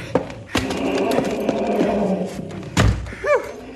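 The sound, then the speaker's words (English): The back door of a bank is shut and locked: a few dull thuds and knocks, with a heavier bang near the end, over a busy low background rumble. “I've locked the back door.”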